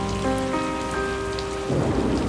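Steady, close rain hisses throughout a thunderstorm, with a deep rumble of thunder swelling near the end, all beneath sustained piano notes.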